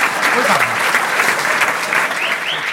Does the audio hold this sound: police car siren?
no